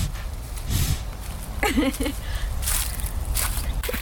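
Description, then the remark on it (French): A mare sniffs at the microphone, with several loud, breathy puffs of air and snorting exhales spread irregularly across a few seconds, with soft rustling in between. “Donc là elle est en train de sentir ton micro.”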